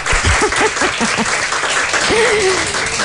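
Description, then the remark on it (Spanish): An audience applauds loudly and steadily for about three seconds, a dense wash of clapping, with a few voices calling out and one drawn-out vocal note rising above it. “Podemos aplaudir para que se note que estamos aquí.”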